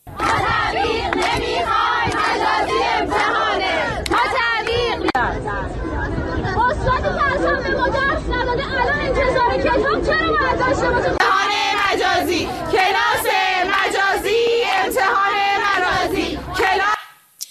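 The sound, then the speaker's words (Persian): A large crowd of Islamic Azad University students at a protest rally in front of the university's central headquarters in Tehran, Iran, chants loudly and continuously, many voices shouting together in rhythmic bursts, with a brief break before the chanting swells again, then cuts off abruptly at the end. “گروهی از دانشجویان دانشگاه آزاد مقابل سازمان مرکزی این دانشگاه در تهران تجمع اعتراضی برگزار کردند.”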